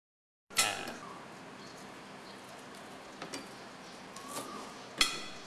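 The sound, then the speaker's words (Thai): A knife thinly slices peeled, home-grown lemongrass on a board in a few sharp, irregularly spaced strikes, a crisp one at the start and another near the end, over a low steady hiss with no talking. “แล้วเราก็ซอยบางๆนะครับ”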